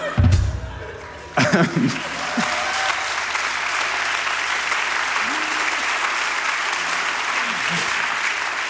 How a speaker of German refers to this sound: Ja. Ein kurzer Applaus für das Medium Radio, sehr schön.